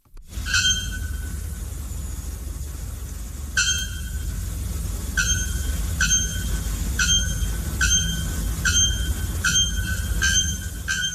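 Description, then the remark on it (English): A bare-throated bellbird gives loud, ringing metallic shrieks, about nine sharp calls coming faster toward the end, over a steady rushing background hiss. “Now, brace yourselves for the haunting shriek of the bare-throated bellbird.”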